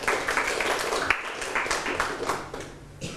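A group of children in a classroom clap together for a classmate who answered correctly, a steady burst of applause, dense overlapping claps with a faint rhythmic beat, fairly loud and sustained for a few seconds.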